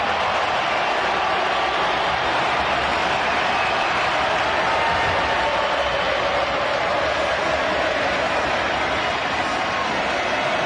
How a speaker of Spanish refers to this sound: Que aparece Messi se transforma en aplauso. Impresionante.